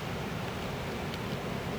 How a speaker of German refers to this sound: Eine plötzliche Böe. Blätter rascheln heftig.